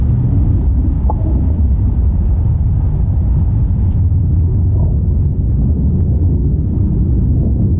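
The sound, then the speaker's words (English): A big storm roars through an old-growth forest in Oregon, with no cities nearby, in a dense, unbroken rumble of wind, loud and steady throughout, with faint rustling flickers on top and no voices. “I want to play a sound of a storm now”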